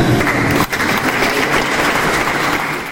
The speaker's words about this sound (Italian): Applauso, applauso, e siamo qua ancora.